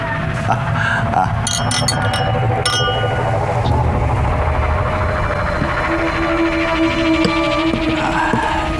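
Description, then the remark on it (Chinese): Several bright glass clinks ring out close together near the start, as in a toast to the imperial army's victory at a celebratory dinner, over a dense, steady background of crowd murmur and room noise. “来，为了皇军的胜利，干杯。”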